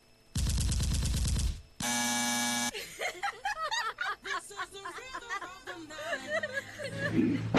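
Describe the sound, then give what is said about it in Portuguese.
A loud, rapid burst of automatic gunfire lasting about a second, then a second harsh, buzzing burst, followed by people talking and snickering. “na próxima vez que os carioca mandar áudio aí, não coloca tiro, não.”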